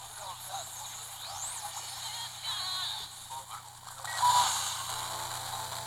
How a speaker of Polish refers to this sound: Jak sami Państwo słyszycie, w zasadzie nie słychać zupełnie nic. Jakieś tam przebijające się przez biały szum dźwięki, zdecydowanie niekomfortowe do słuchania.